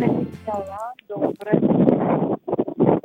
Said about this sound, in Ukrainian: щось так сильно задуває, щось заважає. А це просто я в городі і вітер дує.